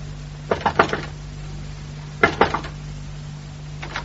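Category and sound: household object, knocking on a door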